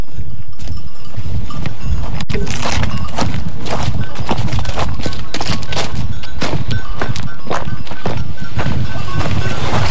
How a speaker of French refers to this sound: Et là on est en train de descendre des faïences. Voilà des beaux escaliers en pierre sèche.